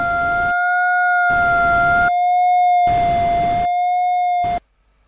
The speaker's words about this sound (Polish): No, możemy usłyszeć za pomocą dźwięku, jak wygląda przebieg tego wykresu. Słyszymy za pomocą szumu, iż czasami znajduje się od pod osią, wartości mają mniej niż 0, czasami nad